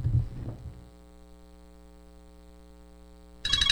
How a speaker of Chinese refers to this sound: 咦，老婆个女用视像打长途电话翻嚟、啊。